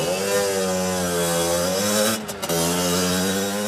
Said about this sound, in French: Allez, un vrai bruit de mobylette, les enfants, ça fait ça.